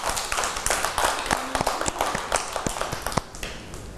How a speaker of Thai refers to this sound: เด็กๆเก่งมากเลยค่ะปรบมือให้ตัวเองด้วยค่ะ